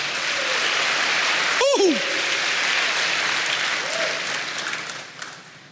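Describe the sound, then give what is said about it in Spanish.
An audience applauds the Lord in a steady, dense wash of clapping, with a few brief voices and whoops rising over it before the applause gradually thins out. “Dele aplausos al Señor.”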